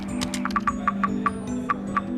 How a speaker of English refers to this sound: Can you hear that? The tapping? Yes, woodpeckers.